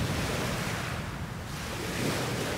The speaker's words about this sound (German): Hier treffen sich zwei Meere. Das eine kommt von da und das andere von da.